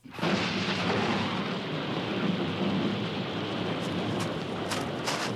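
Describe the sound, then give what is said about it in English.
Heavy, steady rain pours down in the mountains while deep thunder rumbles continuously underneath, with a few sharp crackling bursts near the end. No voices, just a loud, dense storm. “Stormy Mountains.”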